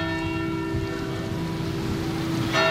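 The bell of the Pauluskirche in Hamm's city centre, Germany, rings with a long, sustained humming tone. A fresh strike sounds near the end over a low background rumble, and no one speaks.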